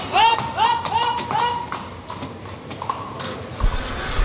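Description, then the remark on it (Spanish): Hooves of Bético, Lea Vicens's black horse, clip-clop in a steady rhythm across a hard bullring floor. Shrill, rising tonal calls sound over the first second and a half, with a low crowd murmur throughout. “Bético, este otro caballo emblemático. Y torero.”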